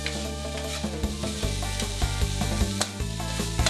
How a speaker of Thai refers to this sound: นำพาไปผัดในน้ำมันให้สมุนไพรส่งกลิ่นหอมพร้อมตามใส่คือกุ้งสับปรุงรสด้วยซีอิ๊วขาวและน้ำตาลมะพร้าว